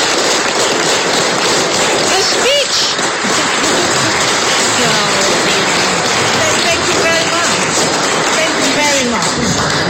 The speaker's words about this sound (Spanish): Escuchemos brevemente a Navi Pillay, ganadora del Nobel de la Paz, que es ovacionada en las instalaciones de donde se encontraba con muchos, muchos aplausos.